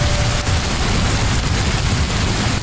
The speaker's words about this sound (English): Yeah, rain, something most of the UK hasn't seen in weeks.